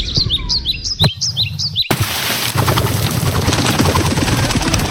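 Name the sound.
birds chirping loudly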